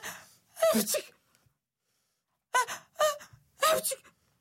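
A voice acts out a string of sneezes: one drawn-out sneeze, a pause, then three quick sneezes in a row, fairly loud.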